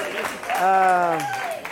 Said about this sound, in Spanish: ¡Bravo! ¡Fuerte aplauso! ¡Su guitarrista!